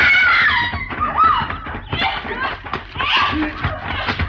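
A woman screams in loud, strained bursts amid a chaotic struggle, with high wavering cries and gasps running continuously for several seconds.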